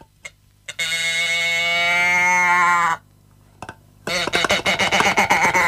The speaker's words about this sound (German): Oh, so eine Kuhdose ist traumhaft, oder? Ich mach's nochmal.